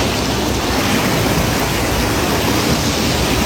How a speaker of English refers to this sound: he's using like the crowd control rails, gates, because it's heavy current going against him. Mm-hmm. Like that's a river that overflowed or something, right?